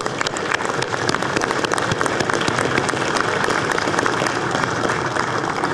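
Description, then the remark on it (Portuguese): Sustained audience applause for the labour courts (justiça do trabalho), a dense steady wash of many hands clapping at an even loudness for several seconds, with no voices over it. “E a justiça do trabalho, eu peço uma salva de palmas.”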